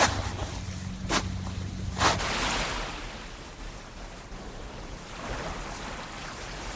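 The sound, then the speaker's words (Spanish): Gentle Mediterranean waves wash onto the sandy beach of Boramar in Benicàssim in a soft, steady hiss, with a couple of slow swells rising and falling. A faint low hum and two sharp clicks come early on. “La arena todavía está fresca, el agua llega tranquila.”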